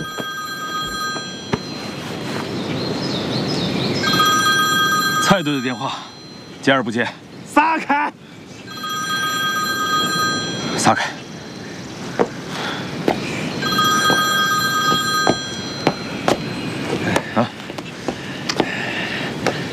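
A telephone rings with a call from Captain Cai, in repeated bursts of a bright, high electronic trill, each lasting a couple of seconds, over a steady background hum with brief gaps and clicks between rings.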